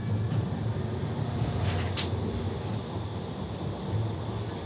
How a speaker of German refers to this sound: Ankunft Bremen Hauptbahnhof. Jetzt noch ein paar Stationen mit der Straßenbahn. Die letzte Etappe.